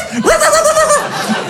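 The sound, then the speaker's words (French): A person standing behind a door imitates a dog barking with one loud, drawn-out vocal bark that rises sharply, holds, then drops, with a breathy, laugh-like edge around it. “Mais instinctivement, je me suis mis comme ça derrière la porte, ok? Et j'ai aboyé.”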